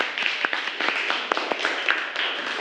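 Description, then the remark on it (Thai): Students in a class clap together at the teacher's call to applaud two student groups, a dense, steady patter of overlapping hand claps with a few sharper smacks standing out, lasting the whole stretch at a moderate loudness. “กลุ่มที่4โอเคปรบมือให้กับ2กลุ่มนี้หน่อยเร็ว”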